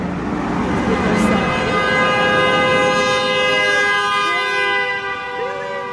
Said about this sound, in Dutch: Geen goede toeter was het. Dat was een goede toeter. Excuse me? That was a good one. A friendly one. A friendly honk. A friendly honk, een vriendelijke.